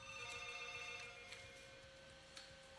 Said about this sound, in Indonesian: Oke, baik, ini ada telepon masuk.